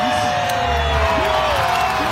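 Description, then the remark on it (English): A crowd cheers and shouts in a dense, steady roar, with a few raised voices whooping above the noise throughout the brief burst. “here's the commentary and the crowd reaction to this one.”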